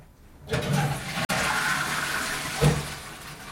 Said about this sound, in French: Tu as officiellement réussi à réparer la chasse d'eau.